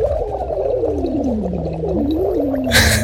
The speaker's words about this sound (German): Wenn es euch nach dem Feiern oder Jubeln auch mal so geht, hier mein absoluter Tipp, weil ich das als Sprecher und Sänger auch immer mache: Silikonschlauch schnappen, denen eine Flasche geben, da etwas Wasser reintun und dann wird losgeblubbert.